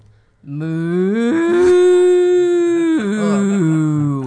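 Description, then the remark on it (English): A person imitates a cow's moo, a single long, loud, throaty lowing call that rises slightly in pitch partway through, then drops and trails off, with no other talking. “That was an excellent cow.”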